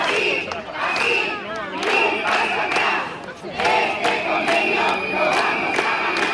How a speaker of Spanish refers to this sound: Durante media hora, centenares de personas han ocupado la calzada al grito de "este convenio lo vamos a ganar".